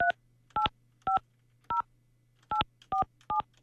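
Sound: telephone dialing tones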